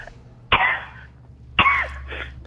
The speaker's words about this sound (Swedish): Jävla hosta.